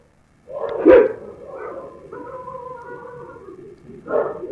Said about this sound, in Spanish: Ok, ahí está, los perros están ladrando. Pongan atención. Ahí está. Ahí se empieza a escuchar el lamento.